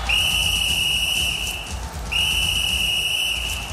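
A referee's whistle sounds two long, shrill, steady blasts, each nearly two seconds, separated by a brief gap, loud over a low, rumbling crowd-like background, at a football match involving the German team.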